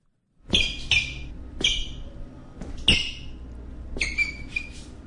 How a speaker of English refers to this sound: How do I get my shoes to stop squeaking in the office hall? It's annoying my co-workers.